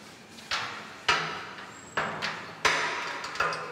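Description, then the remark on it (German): An animal named Tarson knocks against his enclosure door at feeding time: about five loud, irregular bangs over a few seconds, each with a sharp metallic clatter and a brief rattling decay, with no voices. “Und deswegen klopft er schon mal an.”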